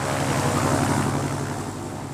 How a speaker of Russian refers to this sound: Как только я коснулся земли, сделав крутой вираж над кукурузой, самолет Дональда поднялся в воздух и сразу же повернул к ферме, над которой я только что побывал.